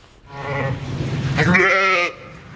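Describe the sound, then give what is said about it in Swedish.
A sheep bleats in one long, wavering call that rises into a strained, quavering cry before cutting off, fairly loud with no voices around it. “De är mer lätthanterliga, tycker jag. Jag tycker om får.”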